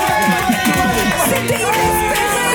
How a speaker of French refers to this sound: Vous applaudissez n'importe quoi. N'importe quoi, vous applaudissez, c'est dingue.